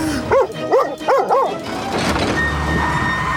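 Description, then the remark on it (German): A dog barks urgently in alarm four times in quick succession, loud, as a truck approaches a deer calf standing in the road; then the barking gives way to a steady rushing, rumbling noise with no voices. “erkennt die Gefahr und schlägt sofort Alarm.”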